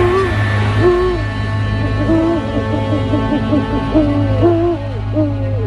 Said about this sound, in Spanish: Búhos, lechuzas. Descubramos otros ejemplos de estos pájaros de muerte.